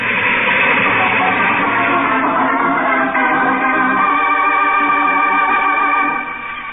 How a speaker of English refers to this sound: A train. There's a train coming. It's coming towards me. There's a headlight.